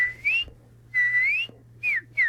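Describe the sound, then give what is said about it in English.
A cardinal sings clear, slurred whistles outdoors in a yard in Ithaca: two long rising notes followed by two quicker falling ones, distinct, over a faint low background hum. “Yeah, so this is one that actually I recorded in my yard here in Ithaca. My cardinal is more...”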